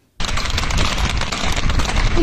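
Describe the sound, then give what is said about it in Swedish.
Horses gallop in panic through the streets of Biscarrosse on the French west coast, their hooves clattering in a rapid, dense, continuous rhythm that starts abruptly and stays loud for a couple of seconds, with no one speaking. “I Biscarros på den franska västkusten galopperar hästar genom staden i ren panik.”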